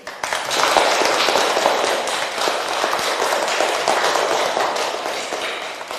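A crowd claps steadily for several seconds, a dense, even patter of many hands at a sustained, fairly loud level with no voices on top.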